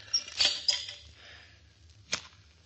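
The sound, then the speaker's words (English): A match is scraped and struck with a short crackling hiss, followed after a pause by a second brief scratch as another match is struck to light an oil lamp. Faint low hum underneath, no talking. “Here, give me another match. Yeah, all right. I'll light this lamp.”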